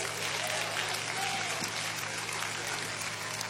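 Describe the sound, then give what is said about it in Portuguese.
A church audience claps joyfully to welcome a preacher, a dense, continuous wash of applause with no break, holding at an even, fairly loud level throughout. “Vou receber o servo do Senhor com as palmas, bem alegre para Jesus.”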